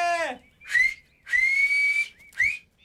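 A person whistles a signal in three shrill bursts, a short one, a long sustained one, then another short blast, each rising slightly in pitch. Loud, with no talking.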